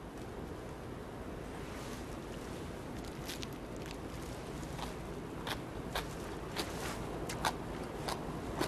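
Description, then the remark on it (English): Crunchy, chewy food seasoned with red pepper flakes and corn syrup being tasted: irregular sharp crackling bites that begin a few seconds in and continue over a steady background hiss, with no talking. “You can hear the crunchiness, right? So crunchy, so chewy.”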